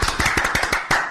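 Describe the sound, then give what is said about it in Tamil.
A short burst of applause from a group for a person who asked an unusual question, with quick, overlapping hand claps in an uneven rhythm and a sharper clap near the end. It is fairly loud, and no one speaks. “அந்த குப்பனுக்கு ஒரு கைத்தட்டல் கொடுப்போமாப்பா”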